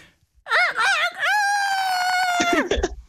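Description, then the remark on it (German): A person imitates a rooster's crow: a few quick warbling rises, then a long, loud, high held note that bends downward and breaks off at the end. “Wenn ich keinen Hahn habe, darf ich auch selbst krähen?”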